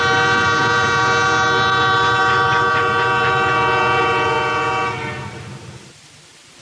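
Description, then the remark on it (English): A loud, sustained train whistle blows steadily from an old locomotive, with rich stacked tones over the locomotive's rumble, holding for about five seconds before fading out with the engine noise. “listen to that loud old locomotive engine. And there's my uncle, Alfred the Grouch, driving it. He's the engineer. Hear him blow that train whistle?”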